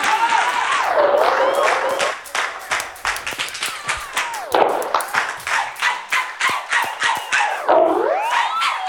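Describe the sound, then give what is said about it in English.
A crowd applauds itself for coming out tonight, clapping together in a steady loud rhythm, while rising and falling siren-like whoops sweep over the clapping near the start, middle and end. “Everybody give yourself a round of applause tonight for coming out.”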